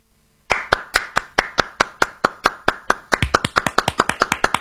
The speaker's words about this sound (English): And just to clear everything up, that's clapping.